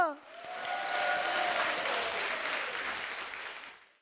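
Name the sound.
audience applause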